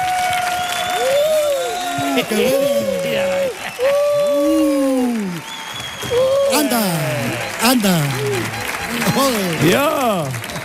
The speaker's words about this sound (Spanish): Fuerte el aplauso